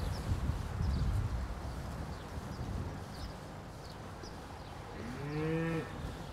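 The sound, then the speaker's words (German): A single cow that has just calved and is pushing out its uterus moos near the end, a fairly loud, drawn-out bellow over steady barn background noise, with faint scattered knocks and shuffling earlier on. “Du, wir haben eine Kuh, die hat gerade gekalbt, die drückt sich die Gebärmutter raus.”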